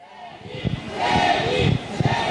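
A crowd of about 100 fans in front of the Royal Monceau hotel on a Tuesday evening at 18:20, just after wind and rain have eased, waiting for their idol to come out: overlapping voices and excited shouts and cheers rising in bursts over a steady murmur of chatter.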